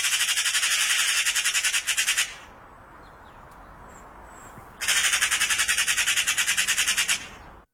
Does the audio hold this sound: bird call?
yes